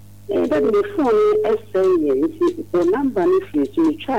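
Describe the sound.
A recorded voice speaks over a phone line, its tone thin and steady with a low constant hum beneath it, as an automated message plays for a few seconds.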